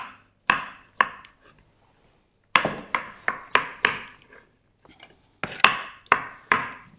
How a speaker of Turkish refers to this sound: Hemen şöyle tavuğu da doğrayayım.